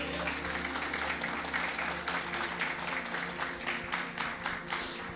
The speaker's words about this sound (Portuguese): Vocês podem colocar a Bíblia do lado e exaltar o Rei Jesus com as palmas bem alegre. Amém?